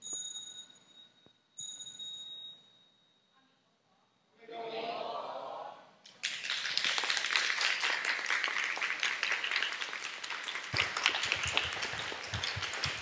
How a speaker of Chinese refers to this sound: 谢谢掌声，大家请坐。